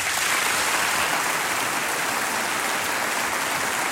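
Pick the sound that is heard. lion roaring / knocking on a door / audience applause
audience applause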